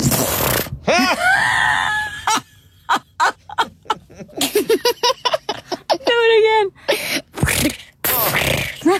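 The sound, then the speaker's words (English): A voice imitates how their own farts sound on the toilet, with breathy sputtering bursts and a quick run of short popping pulses, loud against brief pauses, with excited voices and talk in between. “They're the quietest farts ever.”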